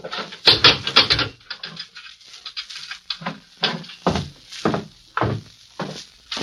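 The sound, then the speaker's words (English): A jail cell door slams shut with a loud clang as a sheriff locks a visitor in with a prisoner, followed by a run of sharper metallic clunks and rattles as the lock is worked and secured. No voices. “I've got to lock you in while you talk to the prisoner”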